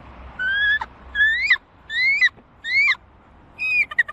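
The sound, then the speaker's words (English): A bird caller imitates a bald eagle's call for the Atlanta Hawks' NBA schedule reveal: five loud, piercing whistled phrases, each rising and ending in a quick stuttering chatter, with brief gaps between them. “Bald eagle.”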